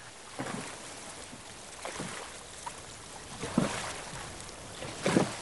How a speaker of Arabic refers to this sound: ويسمع الزوجان صوت سريان قارب فوق الماء قادم باتجاه المنزل، ويرتفع الصوت شيئا فشيئا